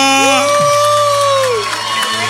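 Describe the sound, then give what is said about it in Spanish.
A large church audience in Mayagüez cheers and applauds loudly and steadily, with whoops and sustained shouts rising over a dense wash of clapping that carries through the whole moment. “Dale un aplauso fuerte.”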